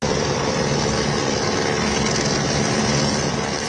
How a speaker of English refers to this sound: Rescuers arrive by helicopter at the Chilime hydropower station.